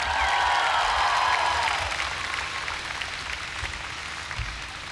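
An audience applauds in a dense, steady wash of clapping, with a few whistles or cheers early on, before the applause gradually thins and softens over about five seconds.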